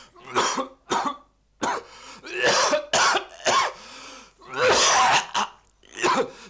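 A man coughs repeatedly in harsh, ragged bursts, some short and sharp, others longer and wheezy, with throat-clearing and strained breaths between them, loud.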